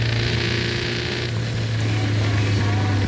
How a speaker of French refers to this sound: Ça me vibre un peu entre les jambes. C'est parfait. On est en communion avec la moto, quoi.